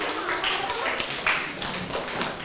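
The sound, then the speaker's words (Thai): A group of students in a class applauding themselves, a dense patter of many overlapping claps that holds at an even loudness for a couple of seconds. “ทุกกลุ่มเลยนะครับปรบมือให้กับตนเองครับ”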